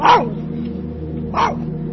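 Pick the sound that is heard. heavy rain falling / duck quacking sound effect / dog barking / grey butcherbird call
dog barking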